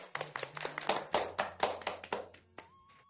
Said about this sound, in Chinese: 以此类推， 掌声。